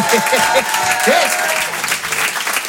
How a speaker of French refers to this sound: D'ailleurs, il y en a qui ont connu un peu cette période des années 90, qui ont grandi dans les années 90. Foutez le bordel un peu, applaudissez quand vous entendez.